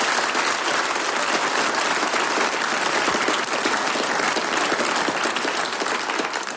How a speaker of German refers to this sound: Dir gebührt nochmal ein ganz besonderer Applaus und wir wünschen dir, dass du es ins große Finale schaffst, ins Fernsehen. Dankeschön.